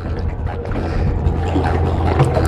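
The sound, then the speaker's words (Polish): A person wearing a backpack clambers into a small boat named Plena, which has a Mercury engine at the back, with scuffs and a couple of hollow knocks against the hull over steady sloshing water and wind buffeting the microphone. “Mam plecak, więc muszę trochę się postarać, żeby wsiąść na tą łódkę.”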